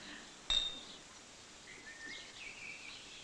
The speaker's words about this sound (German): So, und jetzt müssen wir alle anstoßen, wie damals beim Polterabend.